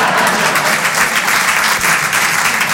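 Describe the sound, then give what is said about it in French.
A crowd applauds steadily, a dense wash of many hands clapping at once, loud and sustained throughout with no voices standing out. “Oui, on peut applaudir la façon dont je baisse ma femme.”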